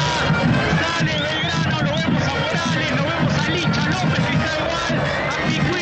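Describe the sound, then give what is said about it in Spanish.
A dense, steady crowd of fans clapping and calling out, seeing off the Belgrano team bus as it departs, with overlapping voices forming a loud, continuous hubbub throughout. “Los hinchas que igual se acercan, golpean sus manos, aplauden, despiden al colectivo.”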